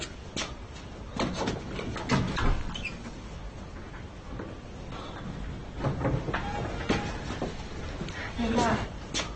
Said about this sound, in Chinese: 我去开门。